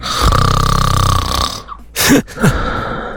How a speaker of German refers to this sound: Ja, das Schnarchen eures Partners.